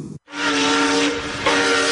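A steam train whistle blows one long, loud, steady tone over a wash of hissing steam, following a brief clipped sound and a moment of silence.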